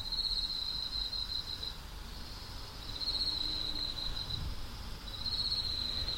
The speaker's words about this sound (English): We're currently listening to the sounds of night crickets from the culture space Yang, Gogoro Village, Jeju, South Korea.